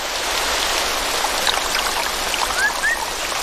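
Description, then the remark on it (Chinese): Steady, dense hiss of heavy afternoon rain falling in a rainforest, unbroken for the whole stretch, with a few faint, brief rising chirps from small creatures near the end. “下午的降雨拉低了气温，为马来熊提供了觅食的良机。”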